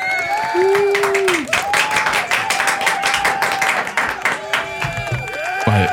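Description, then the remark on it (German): A burst of canned applause from an applause button sound effect: dense, steady clapping from a crowd lasting several seconds, with whoops and whistles rising over it, fairly loud throughout. “Ja, aber ich denke mal, dafür kannst du nochmal den Applaus-Button drücken.”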